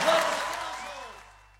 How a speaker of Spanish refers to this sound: Fuertes aplausos.